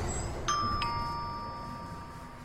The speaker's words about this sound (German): Ach, eine Klingel. Vielleicht mit der Nase.